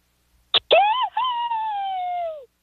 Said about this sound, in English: let's hear your best scream and we'll keep track of this.